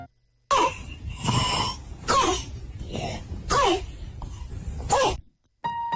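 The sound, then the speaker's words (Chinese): A child's harsh, barking croup cough of acute laryngitis, like a puppy's bark, repeats four or five times in close succession, loud, with strained breaths between the hoarse, hollow bursts. “这种像小狗叫一样的叫犬吠样咳嗽，就是急性喉炎的典型症状。”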